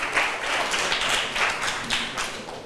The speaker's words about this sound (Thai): ค่ะเก่งมากปรบมือให้เพื่อนหน่อยค่ะ